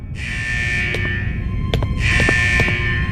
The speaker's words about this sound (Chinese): 奇怪，怎么警报还在响？ 我只是想安安静静地喝个下午茶，但是警报一直响个不停，你们到底在干什么？